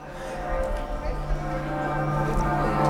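Church bells of Lübeck, Germany, ring together in a dense, sustained wash of overlapping tones, resonant and fairly loud, with a faint low rumble underneath and no voices.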